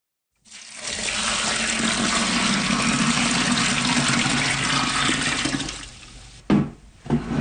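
A steady rush of water pours loudly into a primary fermenter bucket for making rhubarb wine at a home in Happy Valley-Goose Bay, for about six seconds, then tapers off with a couple of brief clunks at the end. No one speaks.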